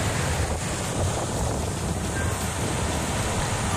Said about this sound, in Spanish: Oleaje bravío. Y sí. yo creo que también es un oleaje bravío. Sí, ahí sí, sí.